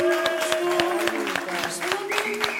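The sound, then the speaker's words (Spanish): An audience breaks into steady applause, a dense patter of many hands clapping, with a sustained tonal hum of cheering or music running underneath throughout. “¡Un aplauso para esa historia!”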